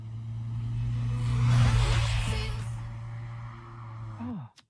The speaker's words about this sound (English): trying to work out what car is she driving? I think it's a Corolla. Is it? Yeah. It's like a Vauxhall to me.